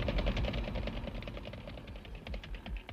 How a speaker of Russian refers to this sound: сейчас, Егорыч, выключай движок